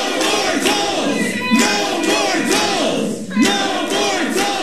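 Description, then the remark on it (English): A crowd of people shouting over one another inside a council chamber, disruptively shouting down council members at a meeting on a toll lanes project, with Mayor Rob Harrington having some removed; loud and unbroken, with angry voices surging in repeated waves throughout. “Most of the speakers were against the project, and Mayor Rob Harrington had some removed from the chamber for being disruptive and shouting down council members.”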